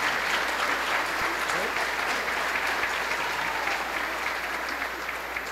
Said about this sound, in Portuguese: Vou mandar uma salva de palmas para eles, porque eles vieram, né? Que bom.